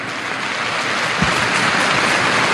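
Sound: audience applauding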